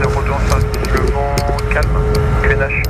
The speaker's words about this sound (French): L'avion est extrêmement silencieux, pas comme ce jet qui décolle devant nous.